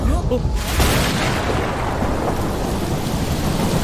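Steady rain hisses loudly across the whole clip, backed by a deep, continuous rumble of thunder that swells in after the first half second and keeps rolling underneath.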